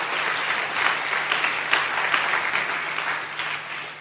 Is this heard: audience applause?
yes